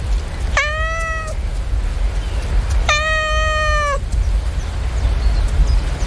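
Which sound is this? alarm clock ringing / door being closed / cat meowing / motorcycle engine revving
cat meowing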